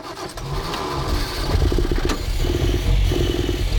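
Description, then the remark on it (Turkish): A carbureted engine, its carburetor just refitted after the intake flange was flattened, cranks and catches, then runs roughly with an uneven, stumbling idle that pulses and sputters as if choking. It sounds fairly loud, with no talking. “Çalışıyor ama sesi daha da kötü çıkıyor. Rölanti ayarı yapmamız gerekebilir. Sanki biraz boğuluyor, öyle değil mi?”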